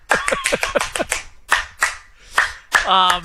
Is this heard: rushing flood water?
no